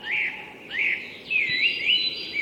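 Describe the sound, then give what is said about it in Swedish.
Whooper swans calling in a steady chorus of overlapping, wavering honks that rise and fall without pause, moderately loud and heard alone with no voices, recorded in a streamside woodland with many fallen trees. “Nej, kanske sångsvan snarare som låter faktiskt.”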